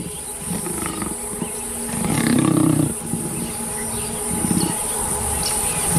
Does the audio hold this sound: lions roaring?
yes